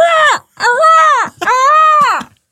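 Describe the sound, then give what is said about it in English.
A presenter on Nation Radio Yorkshire imitates a seagull with three loud, drawn-out cries in quick succession, each one's pitch arching up and then sliding down. No talking in between. “who is available for all your bird noises.”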